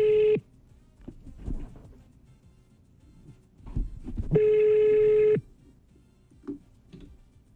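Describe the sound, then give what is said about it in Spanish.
A telephone call placed from a host's phone on the Tropicana radio show rings on the line: a steady electronic ring tone sounds briefly, then after a few seconds of quiet handling noise a second, longer ring follows. No one speaks. “Vamos a probar por mi teléfono.”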